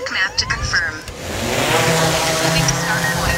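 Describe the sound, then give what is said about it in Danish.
A steady, droning buzz from agricultural drones that use artificial intelligence to locate and spray weeds on farm fields, with rising whiny tones at the start before settling into a loud, constant mechanical hum with layered harmonic pitches. “Den her summende lyd kan være en god nyhed for vores drikkevand.”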